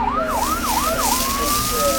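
A fire engine siren blares, cycling through a few quick rising-and-falling yelps before stretching into one long, steady wail over a low rumble of traffic.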